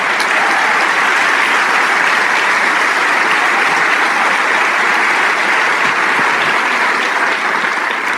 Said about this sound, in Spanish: Sí, ese aplauso es para el Rey de Reyes.